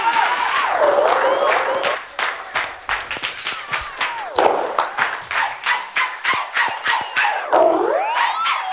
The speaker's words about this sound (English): Everybody, give yourself a round of applause tonight for coming out. One love.